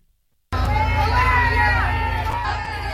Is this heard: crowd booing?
yes